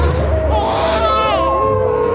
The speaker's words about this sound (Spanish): ¡Sigan el rastro del llanto de mi hijo! ¡Se escucha muy cerca!